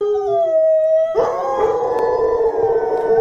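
A dog howls in a long, wavering tone, then a second, louder howl joins partway through, the two drawn-out voices overlapping until the end.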